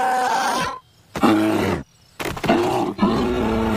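A mother bear in an animated show, whose cub is stuck in a tree, growls in three loud, rough roaring bursts separated by brief pauses, the last one longer and rumbling.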